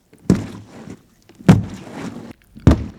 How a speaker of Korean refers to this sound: 곧이어 먹이를 향해 달려드는 라투스의 거대한 발소리가 굴 속에 울려 퍼졌다.